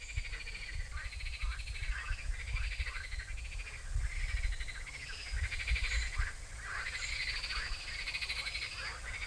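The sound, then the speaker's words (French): A dense chorus of frogs calls over and over in overlapping bursts, fairly loud, with a steady low rush of flowing river water underneath. “Donc normalement on n'a pas le droit de les manipuler parce qu'elles sont protégées, toutes les grenouilles de France, tous les crapauds de France, ni au stade de tétard, d'œufs ou d'adultes.”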